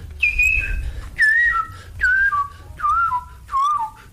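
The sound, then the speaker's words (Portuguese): A person whistles a birdlike phrase imitating a bird from Brasília, five repeated notes that each start high and slide down in pitch, evenly spaced and clear, with a low rumble underneath and no talking. “Você imitava também o canto dos pássaros?”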